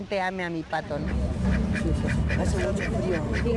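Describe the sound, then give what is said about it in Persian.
A duck named Merlin, the unofficial symbol of the World Cup, quacks in a short harmonic burst at the start, then several more quacks break through a steady crowd-like background murmur, loud. “راستش را بگم ما از چنین موقعیت بسیار خوشحالیم و مهمتر از همه این که مردم مرغابی من را دوست دارند.”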